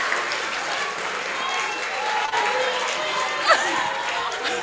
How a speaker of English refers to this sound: Please clap for them, your patrons.